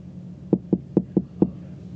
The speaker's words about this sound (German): Hier ist das Büro des Deans. Komm, wir klopfen mal.